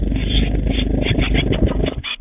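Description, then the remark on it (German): Fledgling tits at the WDR 4 Meisencamp, trying out their newly discovered wings, whirring them in a steady, loud fluttering rumble, a dense throbbing buzz like small propellers, with a brief dip just before the end. No one speaks. “Vielleicht sollte Ihnen mal jemand sagen, dass das keine Propeller sind, sondern dass Flügel anders angewandt werden.”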